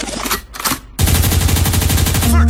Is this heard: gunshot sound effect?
yes